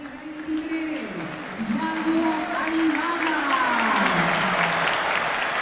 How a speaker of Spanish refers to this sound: Buena recepción del público. El más aplaudido de todos, te diría. Y bueno, es darle la bienvenida.